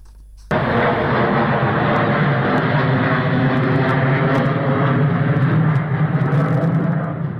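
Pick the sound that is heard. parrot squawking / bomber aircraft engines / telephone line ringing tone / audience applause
bomber aircraft engines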